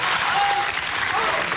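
Steady applause from a large audience fills the whole moment, a dense, continuous patter of many hands clapping at even loudness, with no voices standing out.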